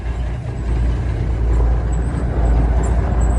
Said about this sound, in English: That's a semi truck. He said two semi trucks.